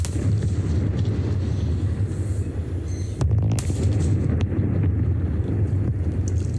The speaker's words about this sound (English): And twin 170-metre tall chimneys have been demolished at the old Liddell Power Station in the Hunter Valley region of New South Wales.